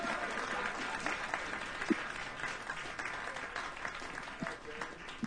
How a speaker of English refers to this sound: Thanks a lot. How y'all doing tonight? Good. Nice little crowd here. How about a hand for